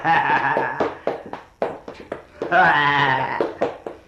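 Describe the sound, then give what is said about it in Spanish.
A female donkey brays loudly: two long, harsh, wavering calls separated by a series of short, choppy bursts, with no talking over them. “A mi burrita, que la enojadita, porque no le hizo alfalfa, porque no le hizo mal.”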